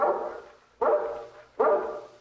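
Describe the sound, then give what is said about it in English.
A guard dog of a mountain breed barks three times in a steady rhythm, each bark full and drawn out before fading, loud with no voices present. “Your dog, Mr. Korowitz? Yes. He's not usually so noisy, though.”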